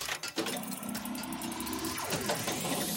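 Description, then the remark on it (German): Steady engine rumble from inside a moving car, heard over a phone call to a radio show from a caller driving with her children, with a low droning hum and whining tones that rise and shift as the vehicle speeds up. No voices. “Bei dir rumpelt's aber auch ordentlich. Ja, ich bin gerade im Auto mit meinen Kindern.”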